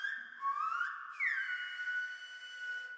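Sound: person whistling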